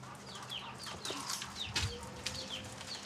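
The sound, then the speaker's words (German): Several chickens cluck and chatter in a stall on a small farm, with short repeated calls overlapping against a steady low background hum and occasional scuffing. “Die Hühner gehören dem Besitzer der Farm.”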